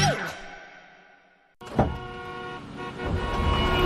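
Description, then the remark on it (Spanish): Car horns blare in traffic, a sustained honk fading out, then a sudden burst of overlapping horns and engine rumble that builds and holds to the end. “¿Otra mañana atrapado en el tráfico y pagando gasolina antes de trabajar?”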